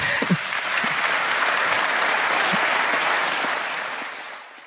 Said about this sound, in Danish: Det var nok også en af de større klapsalver på årsmålet.